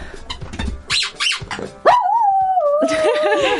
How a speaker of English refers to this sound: I think that'd make a great jingle, just Poppy howling. Just Poppy howling. Shall we see how many times we can get Poppy to howl on the show?